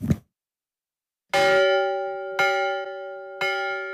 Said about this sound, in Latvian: Raiņa mājas Berķenelē vadītā Inese Baravika ieskandina pie mājas izvietoto baznīcas zvanu. Tā skaņa vadīts bērnības dienas te vadīja mazais Rainis, bet zvanam joprojām te simboliska nozīme.